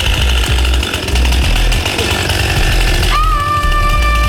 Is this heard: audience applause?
no